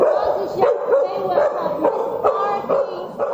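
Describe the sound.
A search and rescue dog barks repeatedly, five or six sharp, loud barks at uneven intervals, signalling that it has found a trapped person, with steady voices or crowd murmur running underneath throughout.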